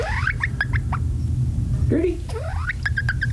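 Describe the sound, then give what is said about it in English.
A small bantam hen, about half the size of a regular hen, kept in a converted dog crate in a living room, peeps repeatedly in quick, high little chirps, with a couple of longer rising squeaks over a steady low background rumble. “She makes these little peeping sounds.”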